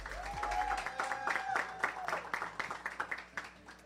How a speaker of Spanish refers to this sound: Glenys Rosa, un aplauso.